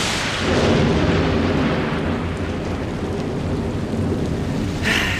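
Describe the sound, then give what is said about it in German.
A thunderstorm rumbles loudly and continuously, deep booming thunder rolling over a steady wash of heavy rain with large raindrops, with a brief sharper crackle near the end. “Da hatte man so tolle Pläne für einen Tag am See oder war den ganzen Tag schon schaukeln und dann plötzlich boom, krachendes Gewitter, große Regentropfen und vielleicht sogar Hagel, der vom Himmel schießt.”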